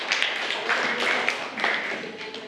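A group of students in a class clapping together for a classmate who answered the teacher's question, a steady crackling patter of many hands applauding for a couple of seconds without pause.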